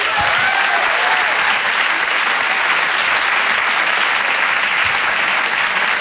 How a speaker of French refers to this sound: Rire et Chanson Comedy Club. Demande un tonnerre d'applaudissements, s'il vous plaît, pour Florent Père.